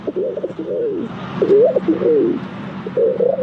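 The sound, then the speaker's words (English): A 12-year-old boy imitates a rock pigeon's cooing with his voice, making a series of warbling, throaty coos that rise and fall in short bursts separated by brief pauses. “The rock pigeon.”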